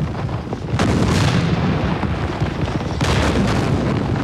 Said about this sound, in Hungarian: Ne azt! Hanem a kettes ágyút! Tűz! Most az egyest! Tűz!